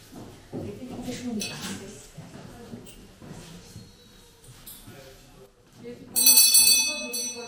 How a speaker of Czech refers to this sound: Takže zazvonil zvonec a vyučování je pro mě.